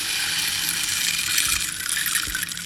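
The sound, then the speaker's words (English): A rain stick pours out a continuous, bright shower of tiny pattering beads, a steady granular hiss that holds even loudness throughout with no voices. “I'll play the rain stick.”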